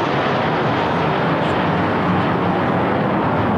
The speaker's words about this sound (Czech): při slavnostním pochodu na konci piety pak nad Vítkovem přeletělo 5 armádních letounů.